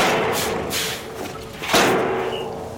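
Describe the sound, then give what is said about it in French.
A truck trailer's rear door being opened at a circus to release a newly arrived animal: a few rattling, scraping bursts followed by one heavy metallic thud, over a steady rumbling background. “Monsieur Loyal s'approcha de la porte arrière pour libérer le nouveau.”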